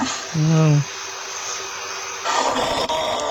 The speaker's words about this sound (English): It's a kangaroo. The buck woos with a soft, breathy clucking. Ew. Following the doe around the mob for hours.